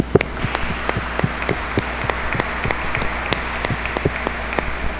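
An audience at a Catholic Mass applauds for a parishioner's birthday, with steady, evenly spaced claps that keep a regular rhythm for several seconds over a low background hum, with no voices.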